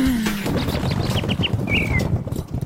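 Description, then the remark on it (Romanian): Several short, bright bird chirps in quick succession, followed by a longer whistled call, all over a dense, rumbling background of noise with no one speaking. “Măi, păsărică, n-ai și tu uitați Radio Guerilla.”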